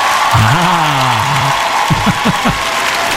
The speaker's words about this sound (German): Jubel! Naja, also so ein bisschen ekstatischer darf der Jubel schon sein.